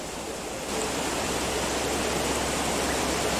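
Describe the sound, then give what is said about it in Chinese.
A steady, dense roar of rushing water from a river that swelled within a few hours from a mere trickle, swelling slightly louder after the first moment and then holding constant, with no voices. “短短数小时，大鱼是河水暴涨起来。”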